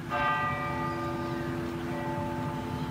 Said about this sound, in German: Nach dem Gottesdienst läuten in ganz Norwegen eine Stunde lang die Kirchenglocken.